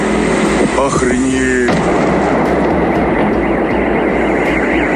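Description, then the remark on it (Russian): A loud, sustained roar of explosions from a night drone attack on the Novoshakhtinsk oil refinery in Rostov Oblast, Russia, on the night of 25 September, rumbles throughout, dense and unbroken, with a sharp burst about a third of the way in. A voice briefly calls out near the start. “Очевидцы писали о взрывах над территорией Новошахтинского нефтеперерабатывающего завода.”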